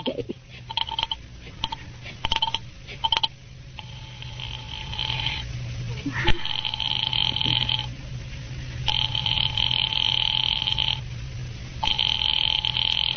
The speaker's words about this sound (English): Get me the police department, please. Thank you. Ringing the police department.